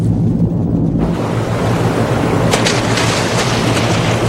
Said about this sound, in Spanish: ¡A toda velocidad! ¡Torpedo en el agua! Atentos. El torpedo está activo.